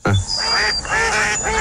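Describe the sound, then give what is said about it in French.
Ducks in a square enclosure quack loudly, about three raspy calls in quick succession with no one speaking over them. “Ah, attendez, on va remettre les canards mais dans un enclos carré.”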